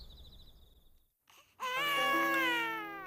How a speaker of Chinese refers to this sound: 婴儿生病啼哭，丙吉亲自照看。